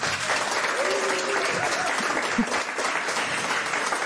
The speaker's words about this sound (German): Und wir haben, wie immer, ein sehr, sehr sympathisches Publikum hier sitzen, das sehr erwartungsvoll guckt und auch erwartungsvolle Klatschgeräusche machen kann. Ich weiß nicht, wie das geht. Sie können es ja mal probieren.